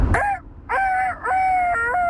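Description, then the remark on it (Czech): A person imitates a rooster crowing by voice: a short opening call, then two longer drawn-out tonal phrases with a slightly hoarse, wavering pitch, fairly loud. “další zvířecí zvuk. Věrný kohout.”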